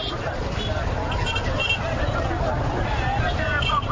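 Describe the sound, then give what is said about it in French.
A dense, steady hubbub of crowd voices mixed with low rumbling traffic, continuous and fairly loud, on Avenue Koudoukou in Bangui, where traders display goods on the roadway among passing vehicles, motorbikes and pedestrians. “Sur l'avenue Koudoukou, la circulation des véhicules, des motos et même des piétons est fortement perturbée.”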